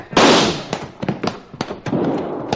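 Gunshots: a loud, harsh blast followed by a ragged string of sharp cracks and pops at uneven intervals, with a noisy rushing wash between them and no voices.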